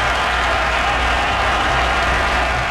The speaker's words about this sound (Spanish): Y nuevamente aplausos, porque estamos rindiendo homenaje a los marinos y marineras, de todas las personas que contribuyen, pues obviamente, el desarrollo marítimo y la protección del país.